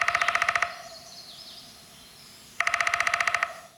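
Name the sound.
downy woodpecker drumming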